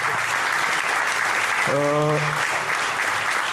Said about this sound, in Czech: Můžete klidně tleskat, jo?